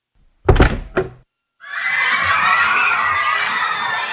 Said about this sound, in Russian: Поздней ночью, когда все уже ложились спать, в закрытую уличную дверь кто-то громко и настойчиво постучал. На стук вышел папа и впустил в дом ночного гостя.